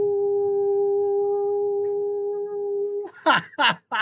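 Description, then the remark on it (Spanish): A howl sound effect: a steady, flat sustained tone for about three seconds, then three short, loud cries that slide downward in pitch in quick succession. “Ya faltaba un aullido para divertirnos.”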